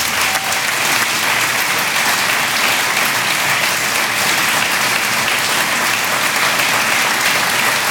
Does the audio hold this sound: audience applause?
yes